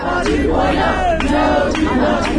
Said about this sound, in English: Many of the roughly 50 Valley residents demonstrating outside Waynesboro City Council chambers Monday evening had a message for the city's nearby Northrop Grumman plant. We're watching.